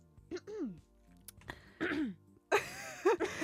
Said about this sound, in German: Sorry, ich musste husten.